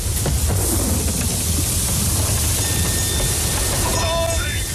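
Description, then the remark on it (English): A thunderstorm at sea roars steadily around a sailing vessel in rough waves, heavy rain hissing over a deep, continuous rumble of thunder; a thin high whistle, like wind, rises briefly near the end. “Is the storm going to break us?”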